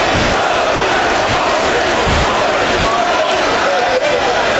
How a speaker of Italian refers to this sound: Alle nostre spalle i tifosi virtussini mugugnano.